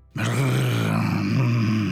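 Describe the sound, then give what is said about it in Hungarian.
A person telling a story imitates the growl of an angry dog running up: one low, rough, rumbling snarl that starts abruptly and holds steady and loud for nearly two seconds, with no other talk. “A macska bebújt a csatornába, mert a nagy nyávogásra egy kutya loholt arra, mérgesen hörgött és morgott.”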